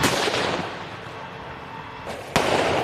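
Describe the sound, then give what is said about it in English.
Heavy gunfire crackles in a dense, noisy outdoor din, with one sharp, loud report standing out near the end and the rumble continuing afterward. No voices are heard. “Drones also target heavy gunfire.”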